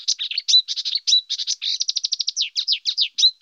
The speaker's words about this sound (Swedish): så brukar man prata om att kärrsångare då, till exempel, som är en nära släkting till busksångare, är en art som kör i ett räsetempo, mer eller mindre.